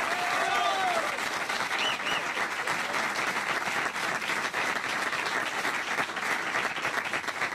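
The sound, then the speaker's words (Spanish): Steady, dense applause from a crowd fills the whole stretch, loud and unbroken, with a few brief whistles or cheers rising out of it near the start. “Fuerte el aplauso, señor.”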